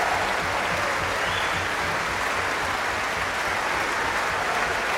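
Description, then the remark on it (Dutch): A large concert audience applauds the woodwind players of the Phil Zuid orchestra as they stand, a steady, dense, even roar of clapping hands that fills the whole stretch without pause, with no voices standing out. “En alle houtblazers staan op. Het publiek is fan van ze.”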